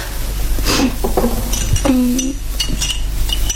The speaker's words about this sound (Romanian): Doamnă, doamnă, îngăduiți-mi să vă torn o ceașcă de ceai.